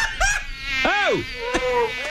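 An Aedes aegypti mosquito buzzes with a thin, high-pitched whine that swoops up and down in pitch, steady and fairly loud throughout with a few brief arcs and flutters, no voices.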